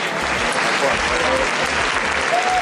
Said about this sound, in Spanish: Y fue así, entre aplausos, que llegaron al portal de su casa los manifestantes que han marchado desde la Puerta del Sol hasta el Distrito del Retiro.